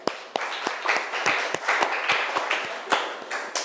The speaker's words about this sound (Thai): ถูกต้องค่ะเก่งมากปรบมือให้เพื่อนหน่อย